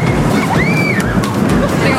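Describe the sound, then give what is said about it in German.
Screams rise briefly from riders with arms thrown up on a roller coaster rushing past, the loudest screaming measuring 93 decibels, heard against a loud, steady rumble of track and wind noise with sharp clatters throughout. “Der Dezibelmesser sagt, das lauteste Gekreische liegt bei 93 Dezibel.”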